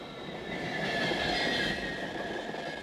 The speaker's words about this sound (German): Wir wollen das Verhalten eines ICEs beschreiben, wenn er hoffentlich pünktlich einen Bahnhof verlässt. Sobald das grüne Freigabesignal erscheint, setzt sich der ICE in Bewegung, er wird aus dem Stand heraus schneller.